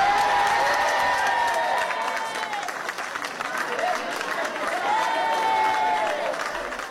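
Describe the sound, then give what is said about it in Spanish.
A crowd applauds loudly and steadily, a dense wash of clapping lasting throughout, with raised voices cheering and calling out over the top; residents of Aldea del Fresno applauding the announcement that the town begins to de-escalate from 5 in the afternoon. “Los vecinos de este último municipio han recibido con un clamoroso aplauso este anuncio.”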